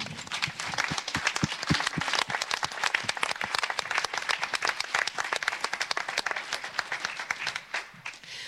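Audience applause: many hands clapping in a dense, steady patter that stays fairly even throughout, with no voices over it, then tapers slightly near the end.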